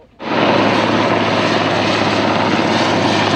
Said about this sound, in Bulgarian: Военният хеликоптер «Кугър» долетя от авиобаза Крумово в ранния следобед. Има доста непристъпна гора към момента, до която не можем да влезем дори и пеша.